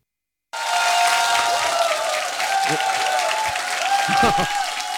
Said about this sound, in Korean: 아유, 이게 함성을 이렇게 많이 질러주시니까 예, 제가 더 기죽습니다.